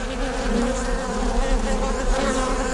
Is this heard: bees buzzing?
yes